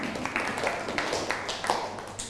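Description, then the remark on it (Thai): A group of students clapping together for a classmate, a dense, steady patter of many hands with a few sharper claps standing out, lasting about two seconds at moderate loudness. “นั่งลงครับปรบมือให้เพื่อน”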